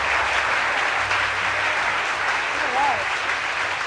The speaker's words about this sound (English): Yeah, well-deserved applause there